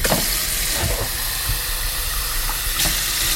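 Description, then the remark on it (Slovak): Cold tap water runs steadily into a glass, a continuous, fairly loud hissing rush with small splashy irregularities throughout, and no one speaking. “Podaj mi prosím pohár vody, nech ju môžem zapiť.”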